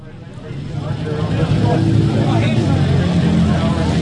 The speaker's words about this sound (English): It's raining at Ruapuna Speedway, and all around me is the sound of thunder. But not just any thunder. Amidst the roar of British, European and American motorbikes that make up this event is the homegrown sound of the Britton bike